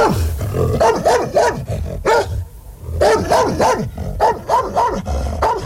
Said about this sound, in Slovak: Podišiel som k ním a zabrechal som, ako najstrašnejšie som vládal.